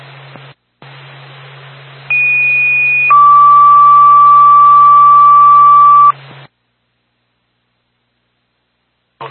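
Fire department dispatch paging tones over a hissy radio channel, calling the Twin State Franconia Fire Department to a fire alarm activation in Franconia: a loud, steady high tone for about a second, then a lower steady tone held for roughly three seconds before cutting off.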